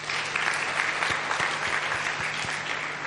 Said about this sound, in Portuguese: De uma salva de palmas.